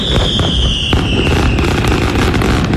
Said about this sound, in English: And it was billed as the largest fireworks show in state history, and it did not disappoint.